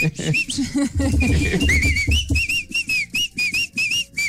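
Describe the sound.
A person whistles a song melody in a bouncy series of short, bright notes with small pitch slides, starting after a brief stretch of voices and clatter.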